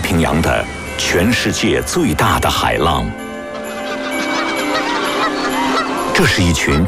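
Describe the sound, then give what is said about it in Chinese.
A flock of greylag geese migrating toward the Scandinavian Peninsula honks loudly and densely, many overlapping calls at once, easing into a quieter wash of flock noise before the clamorous honking swells again. “这是一群正向斯堪的纳维亚半岛迁徙的灰雁”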